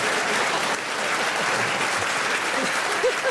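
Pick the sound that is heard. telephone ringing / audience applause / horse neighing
audience applause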